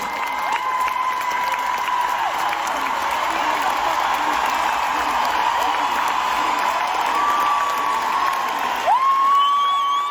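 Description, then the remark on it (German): An audience at a stage show roars with sustained cheering and applause, a dense wash of clapping and shouting voices that stays loud throughout, with a few higher whoops rising near the end. “Das Publikum rastet natürlich auch aus.”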